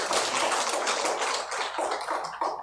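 An audience at a temple service applauds a returning member in a dense, steady patter of many hands clapping, fairly loud throughout and tapering off slightly toward the end, with no talking over it.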